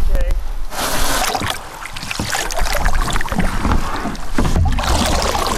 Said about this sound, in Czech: Spouštíme lodě na vodu. Spouštím.